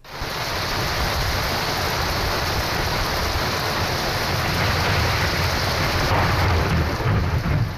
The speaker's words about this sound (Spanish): mucha gente que ayer vio pues cómo sus locales, sus bares, sus negocios, tenían agua, tenían la entrada de esas lluvias torrenciales que cayeron en muchos lugares. Y hay que decir que, bueno, pues el agua y lo que se vivía ayer a la tarde sonaba así.